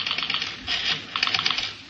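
A telephone number being dialed on a phone in a study: a quick run of light, crisp clicks and taps in short irregular bursts, with brief pauses between groups and no voices.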